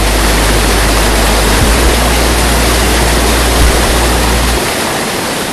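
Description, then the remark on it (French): A stream in the Vosges, France, rushes steadily, a loud, continuous wash of flowing water with a deep low rumble underneath that fades away in the final second. No one speaks. “Sans poissons, il n'y a pas non plus de retour de la vie normale sur le ruisseau.”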